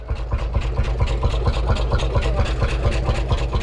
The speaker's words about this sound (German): Jo klar, das ist doch ein Trecker. Ich glaube, das ist ein Lanz Bulldog. Das ist ein Einzylinder, das ist dieses tuckernde Geräusch.